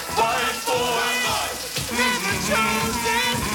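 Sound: shower running water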